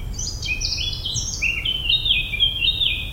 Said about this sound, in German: Vielleicht setzen Sie sich dabei auf eine Bank unter den Bäumen, lauschen dem Gesang der Vögel und lassen Ihre Seele für einen Moment frei atmen.